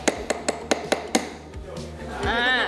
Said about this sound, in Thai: ตอกให้เบาๆเพื่อที่จะให้ตะปูตั้งก่อนระวังมือนะลูกใช่เก่งมากแล้วต่อไปถึงจะตอกลงค่อยตอกลงเลยไหมเก่งมากตอกลงไปเลยลูก